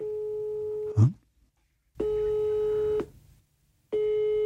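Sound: phone call tone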